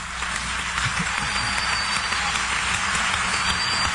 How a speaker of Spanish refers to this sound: Y de hecho, en esta noche, cuando usted aplaude después de cualquier canto, ese aplauso es para el Señor Jesucristo. Entonces hay que hacerlo con todas nuestras fuerzas.